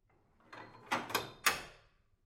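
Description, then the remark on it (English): A workshop door bolt slides with a few short, rasping metallic scrapes in quick succession, the last the sharpest, heard alone with no voices. “Which is when the workshop's door bolt slides.”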